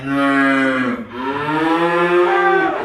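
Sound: cow mooing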